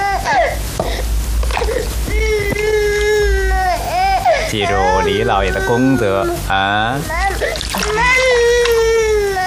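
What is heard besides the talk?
baby crying loudly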